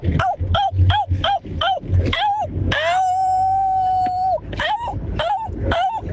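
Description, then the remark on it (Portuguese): A person imitates a howling dog: a quick run of short, rising yips, then one long, steady howl held for nearly two seconds, then a few more yelps. Loud. “Se fosse lobo, era 10. Como é cachorro, 5.”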